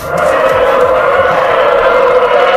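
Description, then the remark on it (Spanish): Loud, continuous roar like racing engines, with whining pitches sweeping up and down as trainera rowing boats speed past during free training sessions, the sound coming from oars against water and hulls gliding, with no pause. “Eso, suena como motores, me han dicho. Hombre, claro que suenan como motores.”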